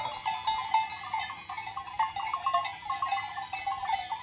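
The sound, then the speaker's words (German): A flock of sheep from the Gurschelhof farm in the Schnalztal valley being driven down to the village, including 122 of the farm's sheep and 30 black Jura sheep, with many bells clanking and jingling in a constant, overlapping jumble, now and then joined by faint bleats; no one speaks. “Heute sollen die Schafe hinunter ins Dorf vernackt getrieben werden.”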